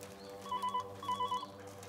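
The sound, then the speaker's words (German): A telephone rings in two short electronic trilling bursts separated by a brief pause, moderately loud over a steady low background hum, with no voices. “Ja, jetzt gehen Sie schon ran.”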